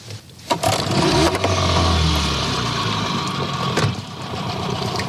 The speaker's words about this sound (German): Also die Reuse hängt fest, Motor an und ein bisschen rückwärts fahren. In der Hoffnung, dass er wieder freikommt.